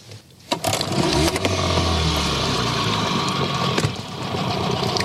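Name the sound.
boat motor running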